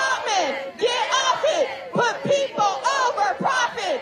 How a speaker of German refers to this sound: Stell die Menschen über den Profit, skandierte eine Gruppe von Demonstrantinnen und Demonstranten.